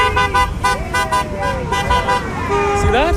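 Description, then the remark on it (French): A car horn honks several times in quick bursts amid street traffic at a busy intersection in Calgary. The horn is loud and ends in a longer sustained blast, with voices talking in the background. The driver honking is Filipino. “Vous voyez, le conducteur qui vient de klaxonner est philippin.”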